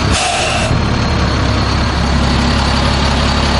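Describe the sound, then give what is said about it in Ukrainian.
The diesel engine of a new military vehicle rumbles steadily in a field in the Zaporizhzhia region of Ukraine, loud and continuous, with a brief hiss of released air at the very start. No voices. “Машина нова, машина класна. Зауважень до неї немає, вона їде, ну, надійно.”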